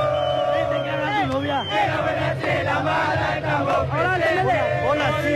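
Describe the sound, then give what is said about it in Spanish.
A huge stadium crowd of azulgrana (blue-and-red) team supporters, waiting in light drizzle to enter the stands, chants and cheers without pause, many voices rising and falling together in a loud, dense roar with sung, wavering pitches throughout. “la gente alienta, acá hay calor, acá se siente la vibra del pueblo azulgrana totalmente minado, la gente esperando para entrar en la zona de gradería, explotando, la verdad que es una hermosa fiesta.”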